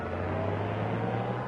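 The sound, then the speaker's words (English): A runaway car's engine drones steadily, fairly loud, a constant low rumble with no change in pace for a moment and no voices. “Our car, it's running wild.”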